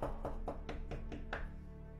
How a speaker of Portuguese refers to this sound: Eu eis que estou à porta, batendo a porta. Eis que estou batendo a porta.